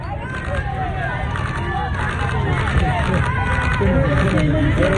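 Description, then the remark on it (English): A dense crowd on a street in the Bronx, New York City, many voices overlapping into a loud, steady hubbub with no single speaker standing out, continuous throughout. “This is a crowd on a Bronx street in New York.”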